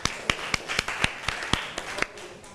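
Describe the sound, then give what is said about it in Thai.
A class of students in a biology lesson claps for a classmate, sharp claps landing roughly four times a second in a loose, steady rhythm at moderate volume, with no voices over them. “ขอเสียงปรบมือให้เพื่อนอีกครั้งค่ะ”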